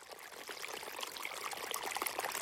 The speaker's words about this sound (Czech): Nejdřív jako docela maličký potůček, kterého si všimla jenom jedna malá kachnička a hned se v něm čvachtala a volala, koukejte, tady je nějaký malý potůček, to je legrace. Ale to už hrnec stekl jako veliký potok.